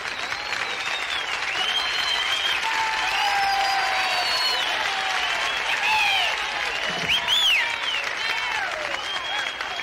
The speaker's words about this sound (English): Thank you. Don't applaud, no money.